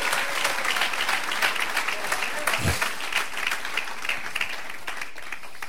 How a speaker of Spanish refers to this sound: Si le va a dar palmas, se la damos a Cristo Jesús, el Hijo de Dios.